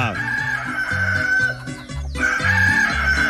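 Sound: rooster crowing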